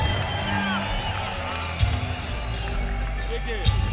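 An audience at a music concert applauds steadily, a dense rustling wash of clapping mixed with crowd murmur and a couple of sharper thumps, holding at an even level for the whole stretch.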